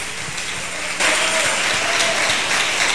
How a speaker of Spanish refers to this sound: Dale un fuerte aplauso al Espíritu Santo. Aleluya.